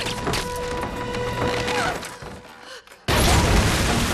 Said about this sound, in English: The grenade explodes and she drops to the floor.